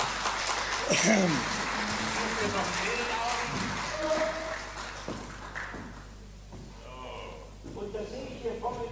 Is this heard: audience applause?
yes